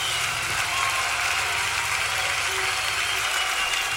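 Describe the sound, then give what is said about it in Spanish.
A church audience applauds together in praise of God, a dense, steady wash of many hands clapping that holds at a strong, even level throughout without breaking into individual claps. “Bendito Dios, un aplauso a aquel que es poderoso.”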